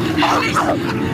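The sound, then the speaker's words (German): Harsh, continuous snarling and growling of wolves, loud, a rough, throaty tangle of animal noise with a human voice crying out amid it. “Die Wölfe kommen!”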